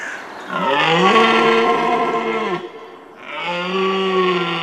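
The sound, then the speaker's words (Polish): Two long, loud bellowing roars of a red deer stag in rut, calling to attract hinds and compete with rivals during the mating season, deep and harmonic with a rough, moaning tone, separated by a brief pause, with no talking. “To okres godowy jeleni, podczas którego samce charakterystycznym rykiem przywołują samice.”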